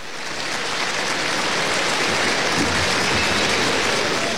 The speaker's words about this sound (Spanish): José Ferríos, que viste de grana y pasa mandería en negro, lleva ya la puntilla del descabello atrás del pitón derecho, oficia rápidamente y con esto, así suena la ovación para Ferrera en Aguascalientes.